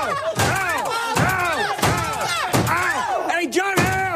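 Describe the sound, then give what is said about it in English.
In a comedy film gag, a door slams again and again on actor John Slattery's foot: about five hard bangs in a steady rhythm, each followed by a loud, pained vocal cry. “visual gags, like when Ham's Mad Men co-star John Slattery's foot keeps getting slammed in a door.”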